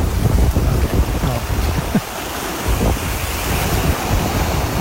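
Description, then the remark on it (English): Ocean surf rolls in with a steady, heavy rush of water and a deep low rumble, fairly loud, with some gusty wind buffeting the microphone and no voices. “This is not the beach, technically. What is the beach? Well, it's the ocean.”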